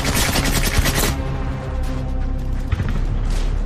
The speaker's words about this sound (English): The original tank commander calls for his weapon. He emerges from his hatch and begins to fire, adding to the cacophony. With a rash of gunfire and explosions from around the village,